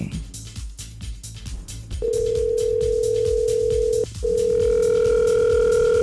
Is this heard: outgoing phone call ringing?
yes